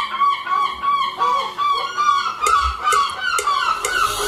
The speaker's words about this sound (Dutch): dan is dat vrij zomers natuurlijk. Maar ik merk hier, de Kink heb ook wat aversie tegen meeuwen. En aan die mensen, Jeanette onder andere, Michiel en ook Mark, die zegt... meeuwen zijn nog vervelender dan pratende mensen bij een concert.